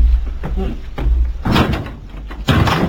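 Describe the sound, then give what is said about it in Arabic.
A door is handled and swung open by a host letting in guests, with a couple of solid knocks and bumps followed by broad rustling and creaking as it moves, fairly loud. “لا يا بني، من شيم العرب ألا تتخذ من ضيوفها خدما لها، سأفتح الباب بنفسي.”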